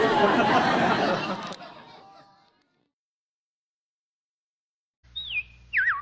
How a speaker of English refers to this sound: Well, the robins are back. That's a sure sign of spring.